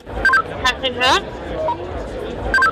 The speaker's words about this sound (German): spricht in das Walkie-Talkie in ihrer rechten Hand.